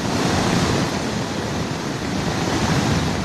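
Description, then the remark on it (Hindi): A loud, steady roar of rushing water from a surging waterfall pouring down a mountain onto a highway during continuous rain, filling the whole clip with dense, unbroken noise and no voices. “Highway पर पहाड़ से उफनते झरने ने लोगों को डरा दिया।”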